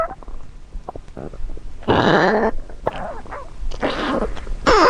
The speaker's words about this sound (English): So I was sitting in bed the other night, and I heard this strange sound coming from the foot of my bed. and it turns out it was my dog's stomach.